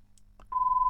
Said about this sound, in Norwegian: Da ringer det.